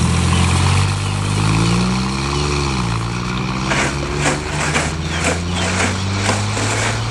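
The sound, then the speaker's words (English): A car engine revs up, its pitch climbing and dipping before settling into a steady drone as the car pulls away, with bursts of rough mechanical noise near the end. “Was that his car you came in?”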